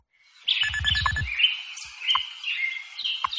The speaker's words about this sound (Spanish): ya están por aquí los pajaritos de Radio Hora, que nos indican que amanece oficialmente en Madrid en estos momentos